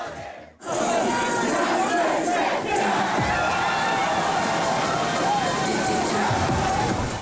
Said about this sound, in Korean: 주말의 마지막 밤, 서울 도심의 한강 수영장은 더위를 피해 나온 시민들로 잘 디딜 틈이 없습니다.